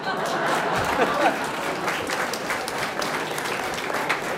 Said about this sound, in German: Wenn einer klatscht, dann hat er vielleicht nicht mitgesungen, der soll klatschen, aber sonst.